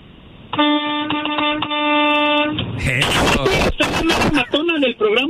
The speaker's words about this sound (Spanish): Yo soy chofer de la 18 Morena. Y pues aquí ando por todos lados. A ver, que suene el claxon, a ver.